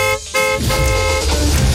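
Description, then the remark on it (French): A loud, brassy horn-style signal on a radio contest, marking the start of a 10-minute window to enter by text message, blares, briefly cut off after a short first blast, then sounds again and holds steadily for over a second, with no talking. “Dès que ce signal sonore retentira.”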